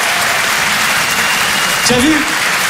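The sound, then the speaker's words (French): An audience applauds itself, clapping steadily for a few seconds in a dense, even wash of applause at a constant loud level, with a brief voice or cheer rising out of it near the end. “On est encore en vie, bordel de merde. Applaudissez-vous.”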